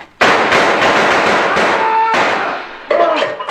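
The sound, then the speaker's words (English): A rapid volley of loud, sharp gunshots fired by a sergeant at a suspect, about six or seven cracks in a few seconds. Each blast rings out briefly, with a whining ricochet-like tone trailing in the middle, and no talking. “Nice shooting, Sergeant.”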